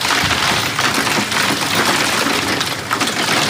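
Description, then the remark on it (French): Hail from a thunderstorm pelts down heavily on house gardens in Charente-Maritime, France, in a dense, unbroken loud clatter, with scattered sharper impacts standing out from the steady roar. No voices are heard. “Ailleurs, en Charente-Maritime, des déluges de grêle dans les jardins de ces maisons.”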